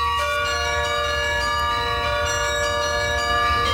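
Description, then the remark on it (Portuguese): Carillon bells ring steadily from the towers of the National Palace of Mafra, Portugal, one of the largest carillons in the world, many pitched tones overlapping into a sustained, shimmering wash that carries clearly, with no voices present. “Os espetáculos têm lugar no Palácio Nacional de Mafra, que abriga um dos maiores carrilhões do mundo, mas o som do cimo das torres vai ser audível para todos,”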